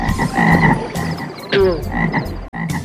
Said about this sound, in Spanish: La segunda fue la invasión de las ranas.